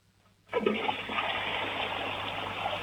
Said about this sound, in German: Eine wunderschöne Klospülung im Bundesland Salzburg.